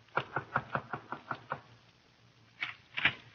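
At exactly 9:10, a quick run of about eight sharp knocks is rapped steadily on a door, a short pause, then two or three louder, heavier knocks. No voices are heard.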